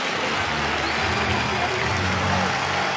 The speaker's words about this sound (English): The ninth continues for the White Sox, and these fans, and it's the smallest crowd of the series, a lot of that due to the rain, they're going berserk, almost as if they expect it.